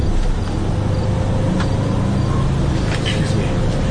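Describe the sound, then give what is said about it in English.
A steady low engine rumble fills the inside of a moving city bus, with constant road hum and faint rattles and clicks throughout, continuous. “this bus goes back to the Green Line, or the L at all?”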